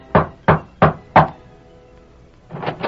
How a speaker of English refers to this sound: Tom Byerly rapped at the door of Mark Paulson's ranch house, then...